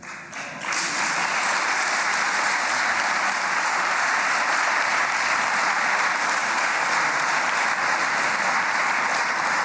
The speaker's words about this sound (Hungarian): Hozzáadtam, képviselő úr, 11 másodpercet. Ennyi volt a taps miatti idővesztesége.